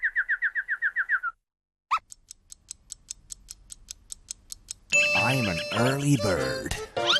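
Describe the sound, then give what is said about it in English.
A quick run of about nine bright, evenly spaced chirps, like a person mimicking a bird, is followed by a rising squeak, soft ticking clicks, and then a voice speaking. “Oh, you've suddenly turned into a bird, have you?”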